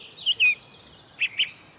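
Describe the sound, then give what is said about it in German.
A song thrush at Ohlsdorf cemetery gives a sharp alarm call, warning of a young eagle owl: four short, high chirps in two pairs about a second apart, clear against a quiet background, with no voices. “Er fällt aber auf einer Singdrossel.”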